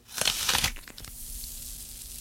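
A loud, crisp crunch of teeth biting into a Red Delicious apple, a dense burst of snapping and cracking in the first moment, then a few scattered crackles trailing off into quiet.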